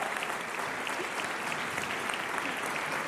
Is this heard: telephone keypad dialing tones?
no